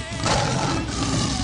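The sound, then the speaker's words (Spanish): A lion's roar, loud, a broad rumbling growl held steady for about a second and a half with no pauses. “Con el rudo de leones.”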